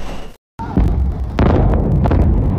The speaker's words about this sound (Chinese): 凌晨1点多，台南市安南区一住宅区突发爆炸，目击民众赶紧逃窜，现场爆炸声响不断，还多次炸出絮状云。